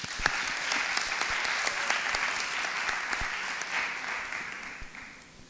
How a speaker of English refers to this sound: This is an experience that's not often provided to middle school students from Homewood and the Hill District. This is what higher achievement is all about. Let's give one more round of applause for their hard work as we get started.